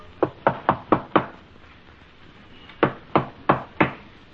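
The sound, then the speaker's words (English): Someone raps on a door with a quick burst of five sharp knocks, pauses for over a second, then knocks four more times, firm, with no voices. “Yes, who is knocking, please?”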